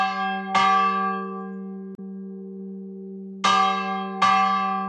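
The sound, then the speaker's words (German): A 780-kilogram steel church bell in the small village of Wölbersbach, between Frankenwald and Fichtelgebirge, its clapper swung forcefully by hand on a Sunday at 7:45, struck four times at uneven intervals, each loud metallic clang ringing out with a long, humming sustain that never fully fades between strikes. No voices. “Jeden Sonntag um 7:45 setzt er seine Lärmschutzkopfhörer auf und schwingt dann mit viel Kraft den Klöppel der Kirchenglocke von Wölbersbach.”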